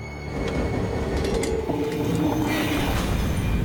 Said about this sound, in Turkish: Lanet olsun, az önce yardımcı aracı raydan çıkarıp buza sapladık. Nasıl oldu bu? Onlar ilerlerken raylardaki buz tekerleğe takıldı ve araç raylardan çıktı.